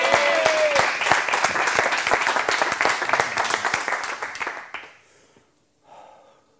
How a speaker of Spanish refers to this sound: Un aplauso para él.